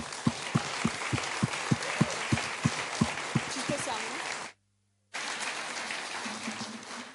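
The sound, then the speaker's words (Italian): A crowd at a pro-European political gathering applauds a speaker in a dense, steady wash of clapping with a regular thudding beat underneath. It cuts out briefly into silence, then resumes at a similar level. “Allora, chiedo a tutti voi di fare un grande applauso”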